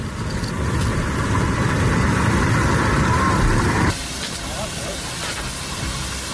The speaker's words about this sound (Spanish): Es el sonido de las tareas de extinción en la zona cero de la tragedia. Más de 500 efectivos siguen a esta hora intentando apagar el incendio originado en Los Gallardos, en Almería, y que ha calcinado ya más de 6.500 hectáreas.